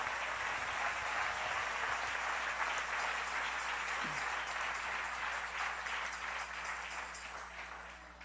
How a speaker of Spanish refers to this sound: Dale un aplauso al rey.